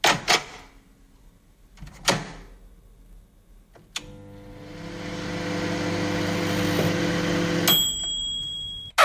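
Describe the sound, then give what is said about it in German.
A microwave oven: a few sharp clicks of the door and buttons, then a steady mechanical hum for several seconds, ending in a series of high electronic beeps, fairly loud. “Ja, genau, unsere Mikrowelle, stimmt.”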